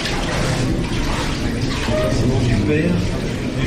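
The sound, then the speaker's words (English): Steady water sloshing and splashing fills the space, fairly loud, as a pilgrim in a loincloth steps into a stone bath of cold mountain water with the help of four volunteers, with indistinct voices murmuring underneath. “I'm ushered in behind a curtain initially while the pilgrim strips and puts on a sort of loincloth, and then I'm allowed to stand in a corner while, with the help of four volunteers, he steps into a stone bath.”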